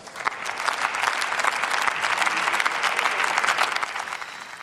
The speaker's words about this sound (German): Jetzt Applaus aus den eigenen Reihen und auch aus den Reihen der SPD hier Für den Unionsvorsitzenden Jens Spahn.